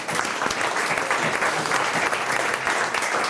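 Sustained applause from an audience, a dense steady patter of many hands clapping at an even loudness throughout, full, with no voices standing out.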